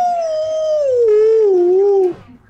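A single drawn-out coyote howl, loud, sliding slowly downward in pitch for about two seconds before cutting off, with no talking over it.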